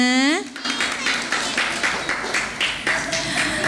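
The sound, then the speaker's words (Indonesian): A group claps hands in a steady rhythm, about three claps per second, after a brief rising voiced sound at the start; a sustained tone enters near the end. “tepuk tangan dong semuanya.”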